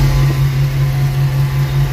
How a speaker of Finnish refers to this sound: Tämä oli puimuri.